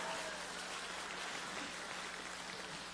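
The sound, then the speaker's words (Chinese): A church audience breaks into steady applause for the pastor, a dense crackle of many hands clapping for about three seconds, fairly loud and even throughout, with no talking over it. “然后，哎，应该要给我拍手一下。”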